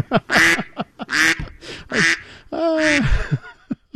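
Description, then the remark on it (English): A family of ducks quack loudly in a rapid, overlapping series of harsh, nasal calls, with no talking, one longer drawn-out quack near the end. “That's Aaron Rand and a family of ducks behind him joining us this morning.”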